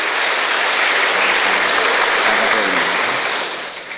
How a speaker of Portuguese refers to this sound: Acolhemos o Miguel com a salva de palmas. Bem-vindo.